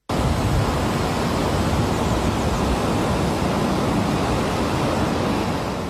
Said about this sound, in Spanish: Así suenan las aguas del río Piedra precipitándose en una caída de 56 metros de altura en pleno corazón del Parque Jardín Histórico.